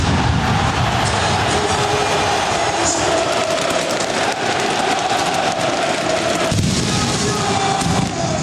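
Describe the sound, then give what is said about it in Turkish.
Rapid crackling bangs of fireworks go off continuously over a loud, steady roar of a large crowd, with no pauses throughout, at Porto's Dragão stadium as the club celebrates its 31st championship after a 1-0 win over Alverca. “Galibiyetle birlikte Francesco Farioli'nin öğrencileri hocalarına koşarak zaferi kutlarken Dragao stadında havai fişeklerle karnaval havası oluşturuldu.”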